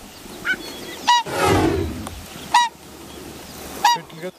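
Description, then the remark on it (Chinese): Loud, urgent honking calls from a pair of whooper swans hurrying back because their cygnets are in danger, several sharp bugle-like cries spaced about a second apart, with a burst of flapping or splashing noise in between, with no talking. “原来是大天鹅夫妻意识到幼鸟出现了危险，急切地赶了回来。”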